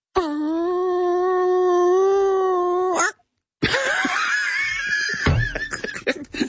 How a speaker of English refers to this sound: How smart's a chicken? It just answered, what? Have a listen.